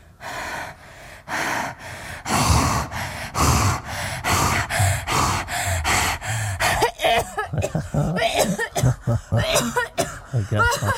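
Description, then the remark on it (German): A woman coughs and gasps over and over, a steady run of sharp, breathy bursts that grows more ragged and uneven toward the end, as a spa doctor listens to her lungs in Davos, Switzerland. “Nur mit Ihrem Husten, da müssten wir mal was unternehmen.”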